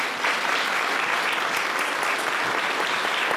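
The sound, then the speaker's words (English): A crowd applauds for Bruce, co-author of the book Big Sky, When the Emu Left the Earth, a dense wash of clapping that stays loud and even from start to finish with no voices breaking through. “A round of applause for Bruce.”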